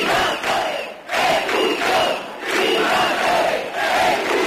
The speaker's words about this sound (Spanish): Los manifestantes, medio millar aproximadamente, con banderas de Ceuta y España y con vítores.